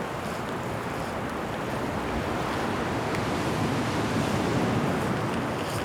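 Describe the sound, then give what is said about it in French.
Fairly strong gusts of wind blow at the edge of a pebble beach, a steady, loud roar mixed with crashing surf and microphone buffeting, continuous throughout with no voices. “Des rafales de vent.”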